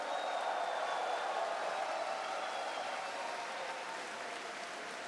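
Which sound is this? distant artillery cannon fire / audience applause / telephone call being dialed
audience applause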